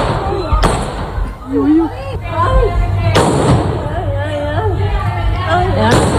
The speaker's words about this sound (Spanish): Algunos vecinos de Puerto Serrano han grabado con sus teléfonos móviles el momento en el que el policía local ha tiroteado al atracador en su huida.